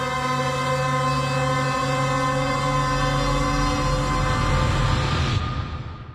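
A London Underground train, on the world's oldest underground railway, rumbles steadily with a loud, droning electric whine and layered tonal hum, continuous, before the noise eases off and fades at the end.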